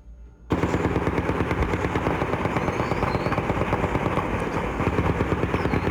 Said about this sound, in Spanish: Campesinos de la zona reportan disparos y explosiones desde muy temprano.